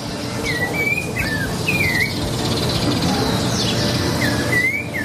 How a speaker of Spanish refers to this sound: Nah, pero un pajarito. Un pajarito, dale. Es la naturaleza. Dale, ¿qué querés? Empieza a cantar a las 4 de la mañana.